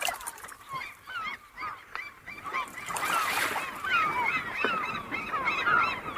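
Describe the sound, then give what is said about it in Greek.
A crowd of seagulls calls continuously at the harbour pier of Ouranoupoli, Greece, overlapping squawks and cries rising slightly in intensity midway over a steady outdoor background wash. No one speaks. “με βοήθησε να κατέβω από το λεωφορείο και με πήγε στην προβλήτα του λιμανιού να χαζέψουμε τη θάλασσα και τους γλάρους μέχρι να έρθει το καράβι «Παναγιά η Γοργοεπίκοος»”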